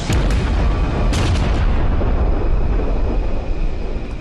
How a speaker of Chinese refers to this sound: 没有水再为反应堆降温，反应堆温度持续升高，产生可燃气体，最终引发爆炸。